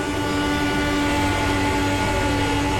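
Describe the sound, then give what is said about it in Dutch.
Formula 1 car turbos spooling up at the race start: a loud, steady, sustained whine with several layered tones over a broad rushing roar, holding constant throughout with no one talking. “Het zijn net bladblazers, hè, als je zo hoort dat ze die turbos aan het laden zijn.”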